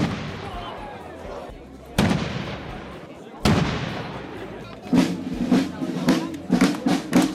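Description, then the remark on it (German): Three heavy ceremonial cannon shots boom out one after another outdoors at 14:00 to open the Kranzlreiten festival in Weitensfeld in the Gurktal, each a sharp crack rolling into a long echoing tail, followed by a murmur of voices in the background. “Mit 3 Kanonenschüssen und dem Einzug der Trachtenkapelle Zweinitz ist es ja pünktlich um 14 Uhr losgegangen in Weitenswels beim 459.”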